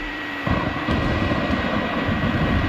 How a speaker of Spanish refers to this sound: ¿Tormenta? Sí, señor, una tormenta.